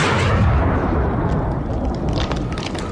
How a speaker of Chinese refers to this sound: 枪声越打越密，队列中的战士们都叫着， 打枪的地方就是腊子口了，大家快跟上啊，今天我们一定要占领这个腊子口呀。